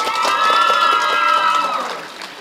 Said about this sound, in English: So please, round of applause to every one of you.